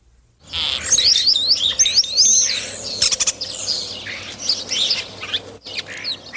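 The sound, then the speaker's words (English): A European starling calls in a busy, varied stream of whistles, chirps, clicks and rasping notes, loud, continuing without pause for several seconds. “That was last week's mystery bird, the European starling.”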